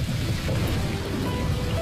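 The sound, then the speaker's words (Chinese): Steady, dense rain hisses throughout, with a deep, continuous rolling rumble of thunder underneath. The storm is fairly loud, and no one speaks. “电闪雷鸣时，若正在户外，怎样防雷？”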